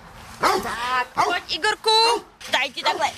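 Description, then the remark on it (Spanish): Dogs at a dog shelter in Trutnov, Czech Republic, bark and yelp in a quick series of loud bursts, some drawn out into whiny, high-pitched cries, with brief pauses between them. “En un albergue para perros checos se están preparando nuevamente para los días calurosos del verano.”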